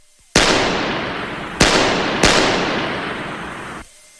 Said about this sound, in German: 3-mal feuerte er auf die nach oben führende Treppe.